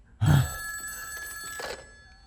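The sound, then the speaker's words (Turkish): A telephone rings once with an incoming call from Honeywell. After a soft thump at the start, a loud, bright bell tone holds for about two seconds, with no one speaking. “Hadi hemen telefona cevap ver”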